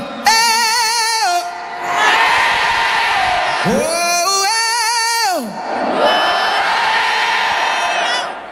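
A crowd at the 2026 iHeartRadio Music Festival cheers loudly, with two long rising-and-falling whoops ringing out over a steady roar of shouting and yelling voices.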